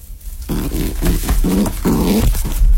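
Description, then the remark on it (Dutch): A pigeon named Draki grunts discontentedly in a string of low, throaty bursts, four or five in close succession, loud with no talking. “Draki knorde vooral ontevreden.”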